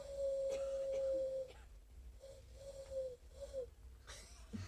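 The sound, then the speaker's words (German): A voice imitates a young eagle owl's hoarse call: one long, steady mid-pitched hoot, then a pause and three shorter, wavering hoots, over a low rumbling background. “Heiserner Uhu. Ein kleiner Uhu. Ja. Der übt noch.”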